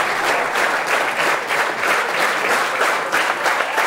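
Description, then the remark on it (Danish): A hall audience at the opening concert of the Odsherred Kammermusikfestival bursts into sustained, dense applause with scattered cheers and whoops for Andreas Brandt and four other musicians after Ernest Bloch's music, the clapping steady and loud throughout with no speech over it. “Og hujende bifald her igen til Andreas Brandelit, fuldt af de fire andre musikere i salen her ved åbningskoncerten ved Odsherred Kammermusikfestival”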